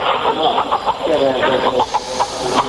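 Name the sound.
hen clucking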